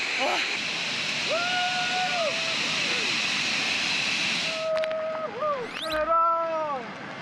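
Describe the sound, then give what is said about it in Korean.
A loud, steady roar of rushing water from Victoria Falls fills the scene, a huge flow of water throwing up heavy spray and vapour, with drawn-out voice-like tones rising and falling over it. “천지를 삼킬 듯 요란한 폭포의 굉음에 연기나는 천둥이라 불린 이유를 실감하게 됩니다. 빅토리아 폭포가 얼마나 긴지 딱 보입니다.”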